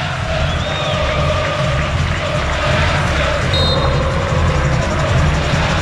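A dense, steady roar from a large crowd of Santos football fans at the Vila Belmiro stadium fills the whole stretch, loud and continuous with a broad wash of cheering voices and no single speaker standing out.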